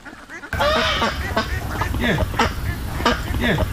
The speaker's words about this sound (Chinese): 这儿就是各种鸭子，就是散养。 哦，我看到了，有几个很大个的。